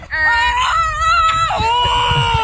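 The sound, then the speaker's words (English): A person loudly imitates a goose at a goose honking competition, letting out two long, nasal, strained honks back to back, the first wavering in pitch before breaking into the second. “Like, it looks like a bunch of theater kids who are out there for the goose honking championships.”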